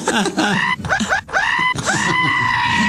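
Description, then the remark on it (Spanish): A voice mimics the scream of pain of someone circumcised without anesthesia in several drawn-out, strained wails, loud, with brief breaks between cries and no ordinary talk. “¿Cómo grita?”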